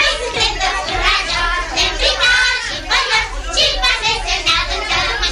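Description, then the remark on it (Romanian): A crowd of children from the Gări neighborhood shouting and calling out over one another in loud, high-pitched bursts, their excited voices blending into a continuous playful clamor. “Copiii din cartierul Gări.”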